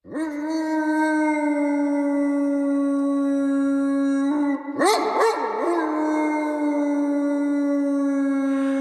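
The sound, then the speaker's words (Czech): A big black dog howls at midnight in one long, loud, steady note that wavers and breaks briefly midway, then swells back into a sustained mournful howl. No one speaks. “Za dávných dob běhával po zítce u Korhoňovy zahrady veliký černý pes s ohnivou hlavou. Když na věži Cholinského kostela odbyla půlnoc, objevil se, jako by ze země vyrostl a příšerně vyl, až každému naskočila husí kůže.”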